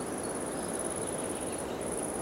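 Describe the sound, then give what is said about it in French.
A high-pitched insect buzzes in a steady, continuous trill on a forest track, breaking off briefly near the end before resuming, over a soft constant hiss. No one speaks. “Le son aigu de l'insecte”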